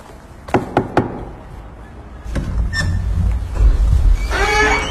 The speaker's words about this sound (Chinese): 敲门问问不就知道了吗？